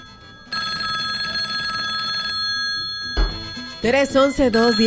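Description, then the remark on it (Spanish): A telephone line at the radio station Radio Slang (550 AM and 100.3 FM) rings loudly in one sustained, buzzing burst lasting about two seconds, then stops. A voice starts talking shortly after. “Son las 8:06 y tenemos una línea de teléfono. A ver qué suene.”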